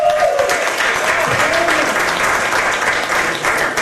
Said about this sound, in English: Let's applaud something good happening from SCOTUS.